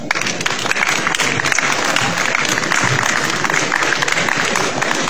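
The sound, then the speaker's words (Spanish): Steady, dense applause from an audience welcoming a teacher who is about to perform Franciscan chants fills the whole stretch, many hands clapping at once in a continuous loud wash with no talking over it. “a cual la recibimos con fuertes aplausos”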